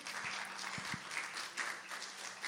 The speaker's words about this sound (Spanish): Dale un aplauso al Señor porque Él es bueno y se lo merece.